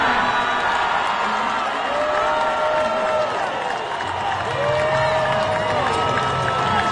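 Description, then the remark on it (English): A large arena crowd at a basketball draft roars with sustained cheering and applause as Darius Acuff is picked at number 7, a dense wash of clapping and shouts filling the space steadily for several seconds with scattered whoops rising above it. “They stood, they're applauding, they're excited to have him.”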